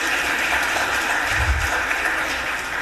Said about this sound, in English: I also see the Philadelphia flag lady who's giving out the City of Philadelphia flags today. Let's give her a round of applause, please.